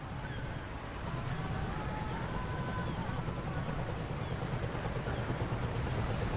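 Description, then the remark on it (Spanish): A steady, full wash of ocean water with a low rumbling drone beneath from a rusty fishing trawler, the Angela Mas Rose, rocking with the waves on a vast ocean, and faint drawn-out creaking tones drifting over it. “Es un barco oxidado y pesquero de arrastre y se mece al ritmo de las olas.”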